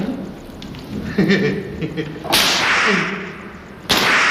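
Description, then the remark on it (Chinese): Two sharp cracks of a whip dipped in water and chili water split the air, each a sudden loud lash followed by a hissing tail, with a man's muffled voice and groans between them. “我听说这蘸了水的鞭子一下下去准皮开肉绽。”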